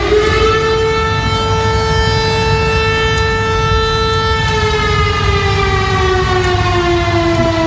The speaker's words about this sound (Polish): W związku z tym ogłoszono alert RCB dla lubelskiego i podkarpackiego o zagrożeniu atakiem z powietrza. W Lublinie zawyły syreny alarmowe.